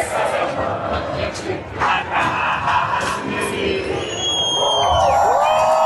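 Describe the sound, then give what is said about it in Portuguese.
A large protest crowd supporting the reelection of President Luiz Inácio Lula da Silva, including students with flags, drums and loudspeakers, chants and cheers, its voices blending into a loud, steady roar with rhythmic shouted bursts, and some whistling tones rise over the din near the end. “O ato reuniu manifestantes de todas as idades, incluindo animais, além de estudantes com bandeiras, tambores e caixas de som em defesa da democracia.”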